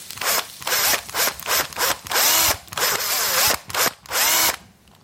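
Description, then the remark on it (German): A cordless drill whirs in a series of short, loud bursts as it drills into a carrot to hollow out its inside, the motor pitch rising and dipping as it bites in, with brief pauses between each run. “Am besten bohre ich das mit dem Akkuschrauber.”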